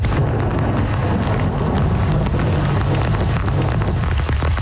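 heavy rain downpour

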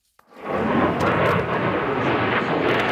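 fighter jet flying

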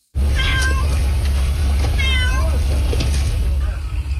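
cat meowing

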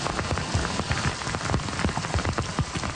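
heavy rain falling

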